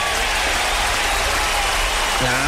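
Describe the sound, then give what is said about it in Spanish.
Steady, dense applause on a morning radio music show fills the whole stretch, a continuous wash of many hands clapping at an even level, with a voice briefly starting up beneath it near the end. “Claro que sí, que ese aplauso también vaya grandísimo a todos ustedes.”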